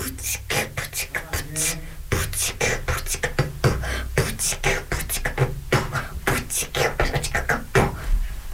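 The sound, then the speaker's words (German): A voice from a primary school radio club at Free FM beatboxes a quick, steady groove of sharp kick-like thumps, snare snaps and hissy clicks, fairly loud, running continuously for several seconds without any talking. “Mit meiner Stimme kann ich Beatboxen.”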